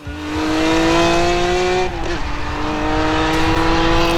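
A loud, high-pitched racing engine roars steadily, its tone dipping briefly midway as it shifts or passes, then holding strong again. No voices.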